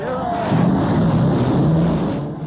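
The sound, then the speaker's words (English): Loud racing engines roar to life together as race cars start their engines at the Indianapolis Motor Speedway, a dense, steady rumble with low droning pitches that rise and waver as they rev, with a noisy open-air wash behind. “Ladies and gentlemen, start your engines.”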